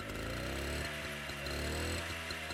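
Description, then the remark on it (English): A rally runabout moped engine revs loudly, its buzzing pitch climbing in the first second and then holding with a choppy, pulsing throb. No one speaks. “Sounds like a powerful motorbike, doesn't it? But the actual fact, it's a rally runabout moped.”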